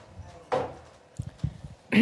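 Soft, muffled barefoot footsteps pad through an apartment, three or four quiet thuds, after a brief rustle of a duvet being thrown back and before a louder sound breaks in at the end.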